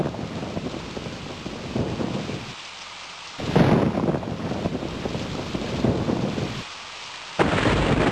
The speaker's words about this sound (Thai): พายุฝนฟ้าคะนองแล้วเราวิ่งเข้าไปหลบที่ตู้โทรศัพท